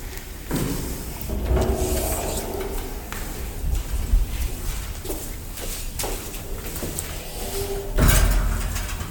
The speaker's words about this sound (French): Non, c'est juste la porte qui n'arrête pas de claquer. D'accord, la porte n'arrête pas de claquer parce qu'il fait très chaud aujourd'hui.